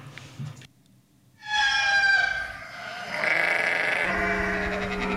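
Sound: farm animal sounds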